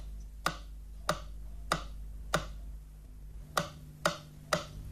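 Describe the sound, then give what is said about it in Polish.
A stereo test signal for the left channel from Polish Radio's First Programme in Warsaw, used to check channel direction: seven sharp, bright clicks in a steady tick-like rhythm with one short gap, over a faint low hum and no voices. “Dla sprawdzenia zgodności kierunków podane zostaną sygnały testowe kolejno na lewy i prawy kanał.”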